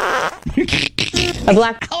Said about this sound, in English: I don't know if the fart will actually stick to the chicken